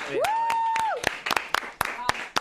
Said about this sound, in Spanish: Vamos con una aplauso.